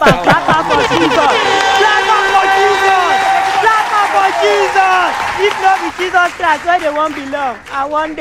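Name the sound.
people clapping hands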